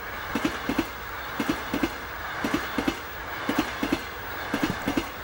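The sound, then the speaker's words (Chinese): A train rolls steadily along the rails, its wheels knocking out paired clickety-clack beats about once a second over a continuous, fairly loud rumble, with no voices. “我叫他们拉你上来，是怕你被卷到火车底下压死，并不是同意你的请求。”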